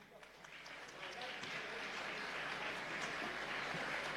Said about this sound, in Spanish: La recibimos entonces con un fuerte aplauso